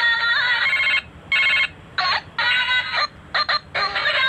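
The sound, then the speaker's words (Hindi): A phone bought from a balloon seller rings with an unusual, warbling ringtone in repeated bursts of bright tonal chirps separated by short gaps, loud, with no one speaking. “अरे बेल वही तो मैं कह रहा हूँ, ये सुनिए जरा, बेल बज रही है, वो अजीब सी बेल है, मैंने तो किसी का पर्सनलाइज किया नहीं है आज तक।”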